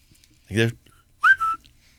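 A pet bird whistles: a short, buzzy call, then a brief pause and a bright, rising whistled tweet that levels off into a steady tone, fairly loud against a quiet background.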